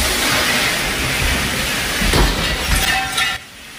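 A fire sprinkler in Texas, hit when the top of a fitness pole slipped off the ceiling, sprays water in a loud, steady hiss that floods the room, with a brief crash partway through before the rushing noise drops away near the end.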